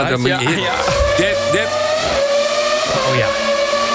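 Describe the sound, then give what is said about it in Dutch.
A racing car's V10 engine screams at a high, steady pitch, loud for the full stretch, its whine wavering slightly as the revs shift, with faint voices murmuring beneath it. “Want even uit mijn hoofd, dit is volgens mij de V10 motor. En dat zijn nog van die motoren die echt gillen, weet je wel.”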